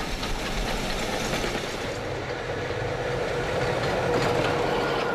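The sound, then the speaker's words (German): A narrow-gauge train hauled by a class 1099 electric locomotive rolls steadily along the rails of a mountain line with a continuous rumbling roar, faint clicking of wheels and a thin metallic squeal rising near the end; no one speaks. “Die Loks der Baureihe 1099 waren einmal Hightech-Produkte. Inzwischen sind sie rollende Museumsstücke.”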